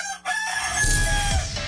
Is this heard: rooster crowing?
yes